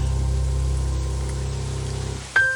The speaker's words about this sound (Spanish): Bendita la lluvia que cae del cielo. Bendita la nube que trae la lluvia. Bendito el relámpago y el trueno que anuncian la lluvia.